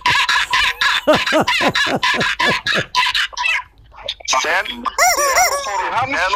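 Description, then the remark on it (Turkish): A car's clutch pedal creaks as it is pressed in a fast, rhythmic series of high, rising squeaks, fairly loud, pauses briefly, then returns in longer, shriller squeals that almost resemble a crowing rooster. “Bu benim kullandığım arabayın debriyajı şu anda.”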